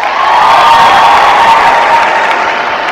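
A live audience breaks into loud, sustained applause mixed with some cheering in answer to who likes cats more than dogs, a dense wash of clapping that holds steady for a few seconds without easing off.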